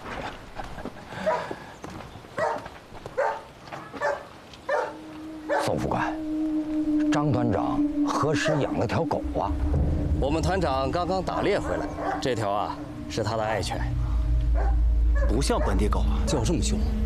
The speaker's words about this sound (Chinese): 这条啊是他的爱犬，不像本地狗啊，叫这么凶。 你还真说对了，是条德国狗。不过你别怕，现在啊它在笼子里边出不来，可是花重金买回来的。听说啊是狼的儿子。